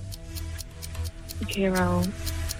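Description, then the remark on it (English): A quiz countdown clock ticks in a steady, even rhythm, a crisp click roughly every quarter second, over a low pulsing drone, with a brief voice rising through the middle. “All right, stop the clock.”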